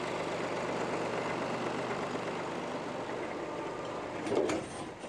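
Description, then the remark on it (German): A tractor engine runs steadily with a low, continuous mechanical drone, loud throughout, with a brief clank or knock near the end, as the tractor is taken to a farm in the Spreewald. “Er muss seinen Trecker zum Mutschenhof bringen.”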